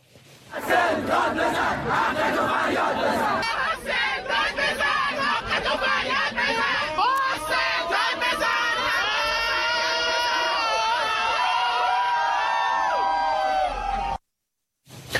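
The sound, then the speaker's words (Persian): A large crowd of school students protesting in a street in Iran over exam grades shouts and chants loudly in unison outdoors, voices overlapping in a dense, sustained roar for about fourteen seconds before cutting off abruptly. “داد زدن، حق بر حقشون هم فریاد زدن، اما نتیجه چی بود؟”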